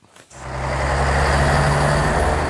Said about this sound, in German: Das war mal Deutschlands dreckigste Verkehrskreuzung, das Stuttgarter Neckartor.